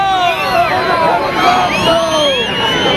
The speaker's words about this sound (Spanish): Los abucheos que habitualmente se lleva Pedro Sánchez, estos son del desfile del pasado año. Y eso que la gente estaba situada a más de 200 metros del presidente.